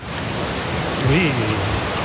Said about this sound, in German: Aber es gibt zum Beispiel, das ist einzigartig in NRW, in einem See, hier kannst du surfen. Ich habe euch die Welle mal mitgebracht, hört mal.